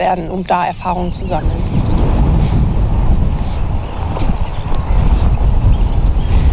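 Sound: strong wind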